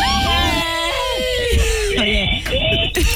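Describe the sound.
A loud, high-pitched human scream fills the whole stretch, with the shrill voice wavering and other voices overlapping as it carries on for about three seconds.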